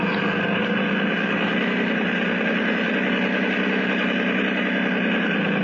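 A motorboat engine runs steadily at a constant pitch during a boat ride around a harbor, a dense, even drone that stays loud for the whole stretch with no voices over it.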